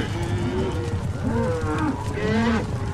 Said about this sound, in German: Und eine ganze Herde Longhorns!